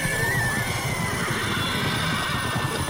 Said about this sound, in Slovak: Nastal ohromný dupot a erdžanie.